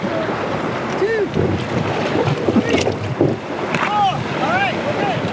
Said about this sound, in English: At a state park, five strangers assembled to paddle together face their first challenge, launch the red rafts into the Lehigh River.